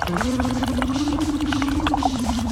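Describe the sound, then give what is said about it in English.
A steady, low hummed tone blown through a straw into a cup of water as a vocal exercise, with continuous bubbling and gurgling churning underneath it. Fairly loud, the tone wavers slightly in pitch throughout. “So what you do is every hour we have to, I want you to sort of blow into the straw, but vocalize and make some bubbles.”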